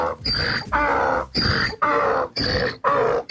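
A donkey brays loudly in a rhythmic hee-haw, alternating rasping inhaled squeals and deeper exhaled honks about six times in quick succession, with no talking.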